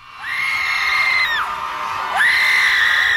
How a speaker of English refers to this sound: Before you get concerned, that's not the sound of fear. For 20 minutes, about 200 people gathered at Trammell Crow Park and did something most of us are taught not to do in public. They screamed.